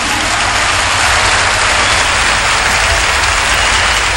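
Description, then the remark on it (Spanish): Steady, dense applause from a large audience for two Canto Nuevo performers, a continuous loud wash of clapping that holds evenly throughout without any voices breaking through. “La labor de estos intérpretes del Canto Nuevo creo que es aplaudida por todos ustedes.”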